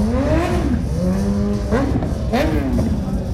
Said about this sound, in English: If you just look up and down the main drag of Lake George, motorcycle after motorcycle. Some are for sale, some are for riding. All I know is it's loud.